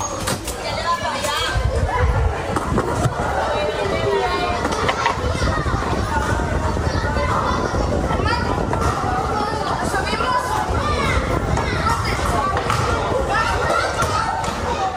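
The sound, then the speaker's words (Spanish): Children shout and chatter at play outdoors at dusk in summer in the Puerto Mar housing estate in La Manga del Mar Menor, Murcia, Spain, running, laughing and riding bicycles, with scattered thumps like a ball bouncing and doors knocking, a busy, continuous babble of voices carrying through an open space. “Son niños jugando al caer la tarde, corriendo, riendo, montando en bicicleta”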